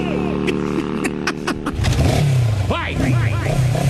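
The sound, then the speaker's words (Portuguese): A motorcycle ridden by the clown Pepeco, arriving for a demonstration in an arena, revs up, its steady drone climbing in pitch and loudness midway through, then holding a strong, rough roar for the remaining seconds. “Ah lá, tá vindo ele de moto, tá vindo de moto o Pepeco.”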